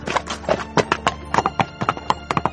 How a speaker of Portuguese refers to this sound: Pepitus, extrañado sabendo que a cousa non ia sair ben, subiu no seu cabalo e arreou como folla que leva o vento.